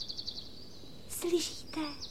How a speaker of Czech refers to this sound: Slyšíte toho ptáčka, jak krásně zpívá, vidíte? Taky bych to chtěla umět.